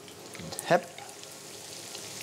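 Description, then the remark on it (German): Breaded meat frying in a pan with plenty of fat over medium heat: a steady crackling sizzle with one brief louder hiss and clatter early on as it settles into the pan, then an even bubbling spatter. “Und das kommt jetzt in die Pfanne mit viel Fett. Nicht zu heiß, mittlere Hitze, damit die ganze Panade nicht direkt verbrennt.”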